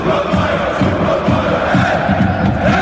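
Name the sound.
stadium crowd cheering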